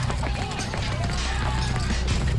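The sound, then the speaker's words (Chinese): Hurried, scrambling footsteps, disorderly and approaching from afar at night after rain, patter steadily and continuously at a fairly even volume, mixed with a dense background that carries faint voice-like tones and a low, sustained hum. “远远的，似乎有杂乱的脚步声在逼近。”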